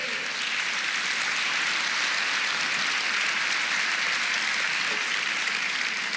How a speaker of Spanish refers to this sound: Denle un aplauso a Él.